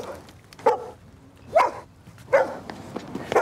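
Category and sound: animal, dog barking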